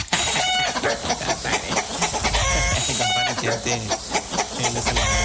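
Chickens cluck busily, a steady stream of short, loud, overlapping calls with no pauses, like a crowded coop.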